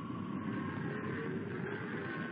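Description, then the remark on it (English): A steady, heavy rumbling roar of stampeding longhorn cattle thundering toward Silver Basin, a dense low thunder of many hooves that holds constant without breaks for the whole stretch, with no voices. “What's that? Sounds like thunder.”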